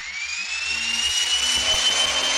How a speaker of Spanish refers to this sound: se escucha un zumbido eléctrico. Kasmar aprieta con más fuerza la metralleta, mientras Sasha retrocede sorprendida, viendo que una pared de la cueva se mueve lentamente.